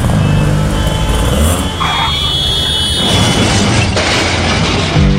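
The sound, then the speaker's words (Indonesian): A car engine roars loudly and steadily as the car runs a red light on a hot day, with a deep rumbling, heavy road noise throughout and a sharp surge of noise in the final moments. No one speaks. “Tuh kan, nerobos lampu merah sih.”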